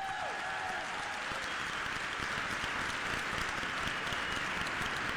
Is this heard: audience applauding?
yes